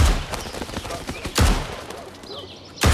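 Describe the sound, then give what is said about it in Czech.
Gunshots at shooting practice: three sharp, loud cracks spaced roughly a second and a half apart, each trailing off quickly, with fainter clicks and rustling in between. “Ale pro dnešek končíme, náboje jsou drahý.”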